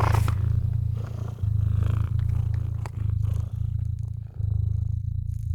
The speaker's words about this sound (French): Vous ronronnez à présent, doucement, amplement.